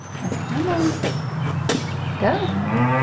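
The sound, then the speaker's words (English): Cattle lowing inside a grooming barn in Erie, Colorado, a few short moos rising and falling over a steady hum of barn ventilation, with faint clattering and brushing noises as a 17-year-old runs a brush along the side of a show calf. “Inside a grooming barn in Erie, Colorado, 17-year-old Lucy Hott runs a brush along the side of one of her show calves.”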